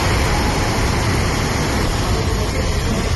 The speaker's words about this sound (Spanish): Es el agua discurriendo por las calles del municipio totalmente anegada, se ven coches arrastrados, todo el pueblo ha quedado inundado